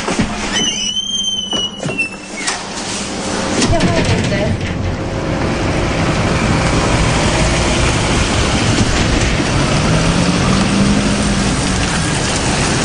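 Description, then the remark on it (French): A car drives down into a mine, descending about 500 metres underground; its engine and tire rumble swell after a few seconds into a loud, steady roar, with faint high whistling tones near the start. “Nous descendons à la mine en voiture. Nous rentrons dans la mine en voiture.”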